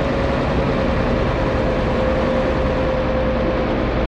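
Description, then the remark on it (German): A motor boat engine drones steadily and loudly with a constant low rumble and a faint steady whine, no voices, before cutting off abruptly at the end, as the motor ship sets off eastward from an underground harbour. “Das Boot fährt nach Osten.”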